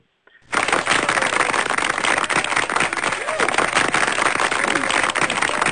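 An audience breaks into applause after a brief quiet moment, the dense, crackling clapping staying loud and steady to the end, with no one talking.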